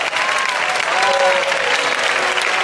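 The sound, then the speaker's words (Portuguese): A crowd claps in praise of God after a prayer, steady loud dense overlapping applause for a few seconds with a faint murmur of voices mixed in. “Podem louvar a Deus com palmas.”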